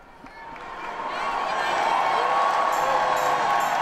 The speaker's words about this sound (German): Papst Leo wird mit begeistertem Applaus bedacht.